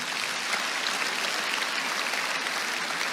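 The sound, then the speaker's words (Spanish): Sustained applause for the Lord from a large crowd, a dense steady clatter of many hands clapping at once, filling the whole stretch with no voices standing out. “Pueden darle un aplauso al Señor.”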